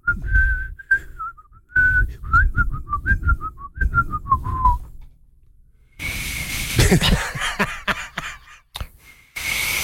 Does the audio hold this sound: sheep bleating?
no